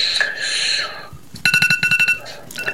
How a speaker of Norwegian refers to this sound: Det noen som ringer her, jeg får stoppe den. Der fikk vi stoppet den. Sånn er det når man sitter på direkten, da skjer det ting.